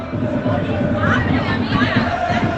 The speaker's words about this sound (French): Et depuis eh bien, la fin de matinée, ils mettent l'ambiance. Écoutez, il n'y a que les supporters de l'UBB qui sont présents dans Bilbao, ou presque. Et ça hurle. Écoutez un petit peu l'ambiance qu'il y a ici.